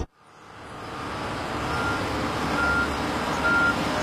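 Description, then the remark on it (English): A heavy construction vehicle rumbles on a stretch of road being resurfaced while its reverse alarm sounds two steady, high-pitched beeps near the end, set against broad engine and road noise. “watch out for vehicles today because we weren't able to close off all traffic for the stretch of road we're resurfacing today.”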